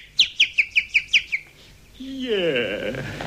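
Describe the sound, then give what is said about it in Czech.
A common blackbird calls: seven sharp, bright chirps in a quick, even series, then a brief pause before a person starts speaking. “Je, kos. Kos, lumpik malý, zjevil se nám potokný.”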